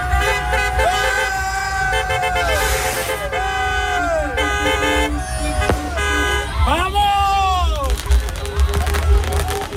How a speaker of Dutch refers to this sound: Spanjaarden over de hele wereld vierden de winst op het WK. Spanje won gisteravond met een 1-0 overwinning van Argentinië in de finale. Tot groot genoegen van een hoop Spaanse fans bijvoorbeeld in Enschede. Die gingen daar toeterend de straat op.